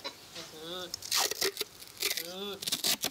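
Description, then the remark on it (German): Adhesive tape rips off the roll in a few short, harsh, rasping bursts and is pressed down to tape something shut, while a person's voice speaks briefly between the tearing sounds. “Jetzt klebe ich das hier mal zu.”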